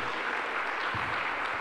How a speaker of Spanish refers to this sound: Aplauso para el Señor Jesús.